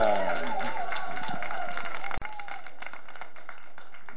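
A crowd applauds steadily, a dense patter of many hands clapping at moderate volume, with a voice audible over it in the first half before the clapping continues on its own.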